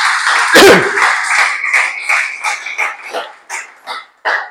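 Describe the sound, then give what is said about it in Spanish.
A crowd bursts into dense, steady applause given to the Lord, which gradually thins out into a handful of separate, scattered claps near the end. “Dale ese aplauso al Señor, que estés muy serio.”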